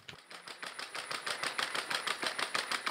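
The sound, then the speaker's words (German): The feet of Scotty, a robot dog at the Pflegeheim am Lutzepark care home in Köthen, Saxony-Anhalt, Germany, patter in a fast, steady stream of sharp mechanical clicks, rather like a sewing machine, holding an even rhythm throughout with no one speaking, as a resident walks it through the garden grounds. “Was klingt wie eine Nähmaschine, ist das Tippeln von Scotty.”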